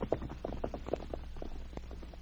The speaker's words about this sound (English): Leaving Gary on his cot, Lucy mounted her horse and headed for Selkirk.